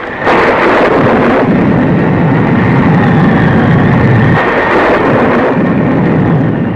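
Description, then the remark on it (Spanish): A heavy thunderstorm roars loud over a jungle, with dense rain lashing down and hurricane-force gusting wind, deep rumbles surging through a steady, unbroken wash of noise with no voices. “El cielo se iluminaba con relámpagos cegadores y la lluvia azotaba la selva con viento huracanado.”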